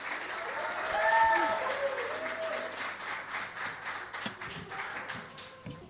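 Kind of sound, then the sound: crowd, audience applause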